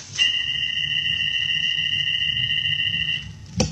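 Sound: arrow shot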